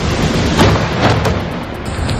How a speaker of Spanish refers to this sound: Tensión, pánico, miedo que va por libre y lluvia. Madre mía, la que está cayendo pero el carrer Colón. ¿Qué más? Dios mío. El agua que baja para el ambulatorio.